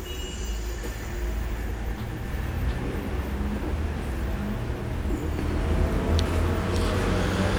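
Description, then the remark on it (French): A heavy transport service truck rumbles through street traffic on Rue de Bussy, its deep engine drone steady and fairly loud, swelling slightly toward the end, with faint higher squeaks and no voices. “Rue de Bussy passe un camion service complet du transport.”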